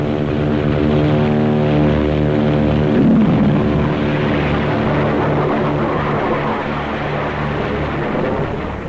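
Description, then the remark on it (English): A propeller plane, Admiral Byrd's, roars through takeoff on a short runway of about 300 feet, assisted by four JATO rocket bottles: a loud, steady engine drone layered with a harsh, rushing blast that swells midway and holds, continuous with no voices. “In the critical 10 seconds of takeoff, they give the kick-up of 2 added engines.”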